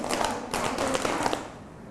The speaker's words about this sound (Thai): ปรบมือ5ครั้งตบตัก5ครั้ง